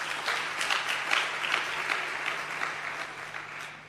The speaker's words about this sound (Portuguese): Uma salva de palmas para Niassa.